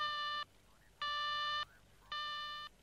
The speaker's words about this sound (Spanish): ¿oyes el teléfono?